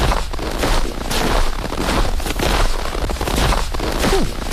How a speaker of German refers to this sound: Mal gerade im Schneefeld am Mitlaufen, oder?